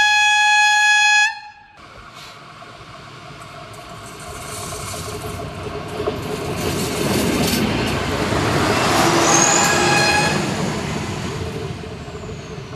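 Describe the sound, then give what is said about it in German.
The Wipperliese train, approaching a tunnel cleared of walkers, blares its horn in one steady, loud, harmonic-rich note for about a second, then a broad rumbling roar of the train builds gradually, swelling toward a peak before easing slightly. “auf den Gleisen befand, bevor die Wipperliese nahte.”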